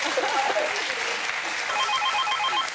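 A dense burst of studio applause fills the whole stretch at steady volume, with a faint electronic ringing tone pulsing through it toward the end.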